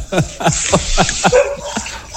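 A dog barks in a quick, steady string of about eight sharp, yappy barks, close by and fairly loud, with hardly a pause between them.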